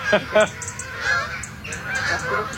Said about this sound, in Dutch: Het zijn allemaal Canadese ganzen. Ja. Ik denk niet dat het echt trek is, dit. Ze vliegen heel laag, hè? Ze vliegen heel laag en ze zitten hier ook in de buurt vaak te fourageren.